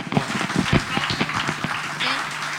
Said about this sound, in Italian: Bravissimo, bravissimo. Un applauso ancora.